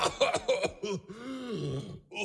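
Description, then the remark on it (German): Several harsh coughs burst out in quick succession, then turn into a drawn-out rumbling groan, a voice imitating the blast of a bomb explosion. “Wenn eine Bombe explodiert, dann hustet er, wie toll.”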